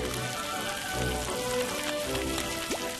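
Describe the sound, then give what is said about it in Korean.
Fish seasoned only with salt frying in poured cooking oil, a steady, dense crackle and sizzle like light rain, holding at an even moderate level throughout with a few sharper pops and no voices. “안 먹어본 생선이지만 소금만 넣고 튀긴 맛이 어떨지 기대가 됩니다.”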